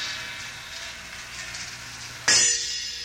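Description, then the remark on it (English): A small gong is struck once after a stretch of steady hiss, giving a sudden bright, shimmering metallic ring that lingers and fades slowly. “Small gong.”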